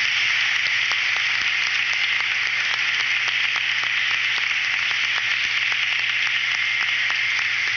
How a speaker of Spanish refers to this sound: Recibamos a nuestros reyes en esta noche con un fuerte aplauso.